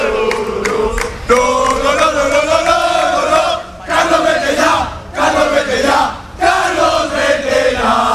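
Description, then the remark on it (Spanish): A large crowd of Valencia football fans loudly chanting in unison against Valencia coach Carlos Corberán after the team's defeat, sustained shouted phrases rising and falling in pitch, broken by a few brief pauses before the chant starts again. “se ve también un poco reflejada en los aficionados que ahora vuelven a gritar.”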